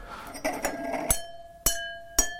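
A pen taps three stemmed wine glasses in an editorial office several times. Each strike gives a bright, clear ring that sustains and fades. The later taps are spaced out and ring at slightly different pitches, though the glasses look the same.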